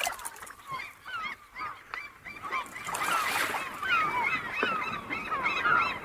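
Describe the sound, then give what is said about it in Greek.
A flock of seagulls over the sea at the harbour pier in Ouranoupoli calling over and over, harsh overlapping cries that grow busier and louder halfway through, with a steady background wash and no one talking. “με πήγε στην προβλήτα του λιμανιού να χαζέψουμε τη θάλασσα και τους γλάρους μέχρι να έρθει το καράβι «Παναγιά η Γοργοεπίκοος»”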